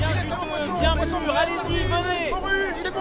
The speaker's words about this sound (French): Le soleil tape fort sur le grand marché d'Al-Qadas. À droite, à gauche, on se presse devant les étals. On tâte les fruits, les poissons, les légumes.